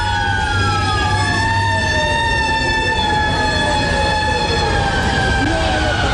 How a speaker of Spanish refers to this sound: Y este era el sonido que se vivía en esos momentos en las calles de Nueva York. ¿Cómo vivieron los propios neoyorquinos aquellas horas? Pues claro, esas sirenas acompañaron durante toda la jornada. Fueron un poco la banda sonora de aquel día.